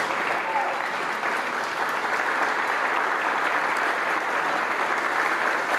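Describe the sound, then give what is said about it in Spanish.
Sustained standing applause from a large crowd for 15 rescuers and 4 canine teams of the Mexican Red Cross returning from Venezuela, a dense, even wash of clapping that holds steady and loud throughout with no pauses or voices standing out. “El aplauso de pies para los 15 rescatistas y 4 binomios caninos de la Cruz Roja Mexicana que viajaron a Venezuela tras los devastadores sismos del pasado 25 de junio.”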